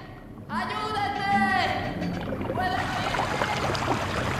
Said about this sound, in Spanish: El agua remontó la escalera inferior y avanza por el pasillo.